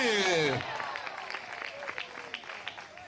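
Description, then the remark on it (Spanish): An audience breaks into steady, dense applause to Christ, many hands clapping together at a moderate level, right after a brief raised voice at the start trails off. “De repente ese aplauso al Cristo de la gloria, a su nombre.”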